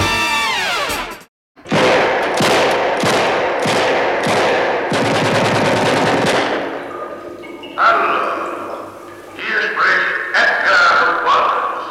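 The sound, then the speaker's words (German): A rapid series of loud, sharp gunshots fires in a steady rhythm for several seconds after a brief pause, then gives way to dramatic orchestral music: the opening of the 1961 Edgar Wallace crime film Der Fälscher von London, shown to German television viewers. “Schüsse von Edgar Wallace, die unterhalten die deutschen Fernsehzuschauer im Jahr 1961, hier diesmal bereits zum 8.”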